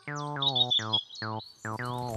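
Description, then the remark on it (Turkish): A common blackbird calls in a quick series of about five harsh, descending notes with brief gaps, while thin, high chirps flicker over the first half. “O bir kara tavuktu çocuklar.”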